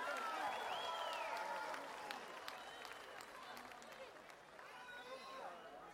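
A concert crowd applauds loudly for the guitarist, with dense clapping and shrill whistles and cheers rising over it, easing off a little before swelling again near the end.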